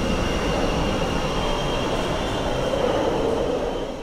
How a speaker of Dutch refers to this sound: En daar is het metrostelsel. Hij duwt lucht naar voren. Maar hier is het fris en waait er lucht door het station.